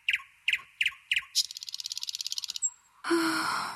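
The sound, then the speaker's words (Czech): A small bird chirps: four quick separate chirps, then a fast rapid trill of repeated notes, ending with a brief burst of bright, busier song. No one speaks. “proměnil se v zeleného ptáčka. Ptáček si načechral peříčka a vzletěl jako šíp do okénka první zámecké věže”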